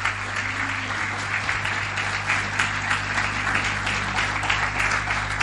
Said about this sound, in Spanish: ¿Cuánto le dan un aplauso al Señor en esta mañana? Un aplauso a su palabra.